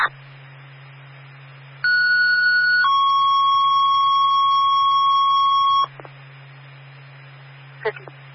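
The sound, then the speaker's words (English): A fire station alert for engine 3, in quarters, sounds as two steady electronic tones, a short higher one followed by a longer lower one, loud over a constant low radio hum, then a brief crackle. “Fire alarm, engine 3 in quarters, open bay 1 please.”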